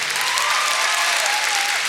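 An audience at a show applauds a violinist, dense clapping holding at an even loudness for about two seconds, with a faint sustained tone drifting underneath and no one speaking.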